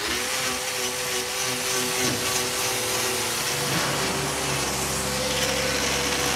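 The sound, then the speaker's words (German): An ordinary angle grinder fitted with a special hoof-trimmer's disc whines loudly and steadily as it trims a cow's hoof, its harsh, gritty buzz shifting pitch slightly partway through as it bites into the hard hoof. No voices are heard. “Das ist ein normaler Flex, aber die Scheibe die ist speziell für Klauenpfleger.”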